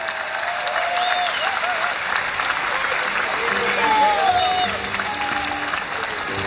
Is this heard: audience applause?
yes